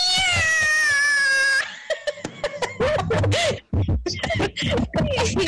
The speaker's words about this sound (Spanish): Ese gato está con problemas. Anda con problemas psicológicos.